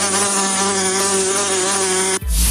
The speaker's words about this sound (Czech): Před každým napitím se raději podívejme do plechovky anebo do sklenice, jestli tam není nezvaný okřídlený návštěvník s žihadlem.